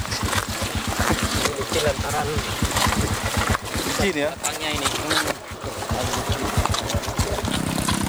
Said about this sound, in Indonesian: Tanah liat berbatu bercampur lumpur bekas diguyur hujan. Sejauh 12 km harus kami lalui dengan motor trail rakitan milik petugas CRU.